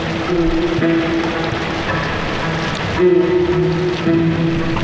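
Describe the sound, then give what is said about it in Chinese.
Steady rain hisses continuously on a street, mixed with a low droning hum like an idling engine, with no voices. “下雨天街头不留痕迹。”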